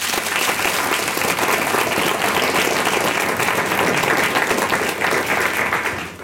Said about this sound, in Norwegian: Applaus for panelet.